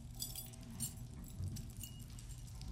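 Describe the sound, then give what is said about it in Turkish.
Two keys jangle and clink together in a steady metallic rattle, fairly quiet, with no voices present. “İki anahtarla ne yapıyor?”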